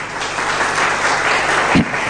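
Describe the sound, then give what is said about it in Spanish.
An audience breaks into sustained applause for God, a dense, steady wash of many hands clapping at an even loudness for a couple of seconds, with no voices standing out. “Denle un aplauso poderoso a Dios.”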